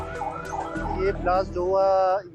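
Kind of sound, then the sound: vehicle, emergency vehicle sirens wailing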